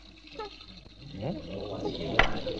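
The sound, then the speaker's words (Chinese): Water runs steadily from a downstairs tap turned on fully in the morning while people fill buckets, a continuous splashing hiss that swells slightly toward the end, with voices and background chatter mixed in over it. “楼下关水龙头啊！你们想造反呐、啊？明知道我起床要洗脸，干嘛把水开那么大？”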